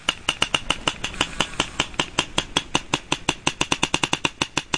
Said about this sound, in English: This is called echolocation, or biosonar, and sperm whales use echolocation to find their food. And this is the sound they make to do that.